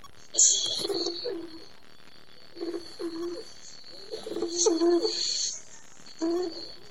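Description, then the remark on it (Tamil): A white dove coos in four short, low, throaty bursts separated by brief pauses, moderately loud, with a faint steady high-pitched tone underneath. “நான் தான் தேவனால் படைக்கப்பட்ட வெண்புறா.”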